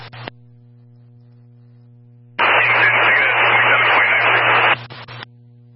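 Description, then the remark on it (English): A radio transmission drowned in harsh static: after a low steady hum, a loud burst of hissing, band-limited noise blares for about two seconds, with brief crackles at its start and end. “You're completely covered in static, 10-1.”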